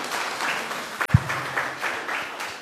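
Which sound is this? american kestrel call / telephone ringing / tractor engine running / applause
applause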